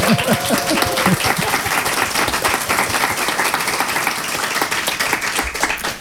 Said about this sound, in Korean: 박수 한번 쳐야죠.